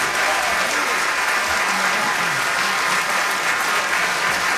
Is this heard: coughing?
no